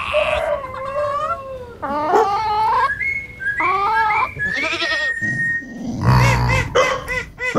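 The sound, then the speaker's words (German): Pet farm animals calling, mostly goats bleating in loud, wavering cries one after another, with a few other animal calls mixed in and no talking. “Tja, Hunde, Katzen, Papagei, Ziegen, Hühner, eine Ente, ein Jack. Sie haben uns die Geräusche ihrer Haustiere geschickt.”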